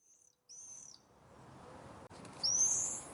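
Shrill, high-pitched screams of common swifts in the sky, a few drawn-out piercing calls over a steady rushing background, with one louder scream near the end.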